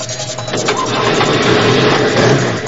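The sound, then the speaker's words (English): A car engine, being hot-wired and started with the key, cranks and catches, then settles into a steady, loud idle with a rough mechanical rumble, with no one talking. “I'm hot wiring the car. Try the key.”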